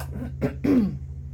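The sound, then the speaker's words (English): A short cough: a quick rough burst followed by a stronger voiced hack with a throaty tail, over a low steady hum in the background. No one speaks. “I'm going to cough again.”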